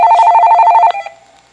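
A telephone rings for an incoming call to a radio call-in show, with one loud, warbling electronic trill lasting about a second, then cuts off abruptly and fades out. No voices are heard.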